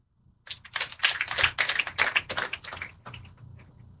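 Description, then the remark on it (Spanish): A burst of applause for Christ from a group, dense crackling claps that swell quickly, hold for a couple of seconds, then thin out and fade, with no talking over them. “Y esos aplausos para Cristo.”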